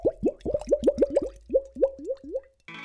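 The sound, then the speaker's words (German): Water glugs out of a jug from England, shaped with a handle to make it glug, into a glass in a quick run of about a dozen hollow, rising gulps, fairly loud, then the pouring stops. “Dieser Wasserkrug ist so formiert mit dem Griff hier, dass wenn man Wasser einfüllt und ins Glas kippt, es geht gluck, gluck, gluck, wie ein Fisch.”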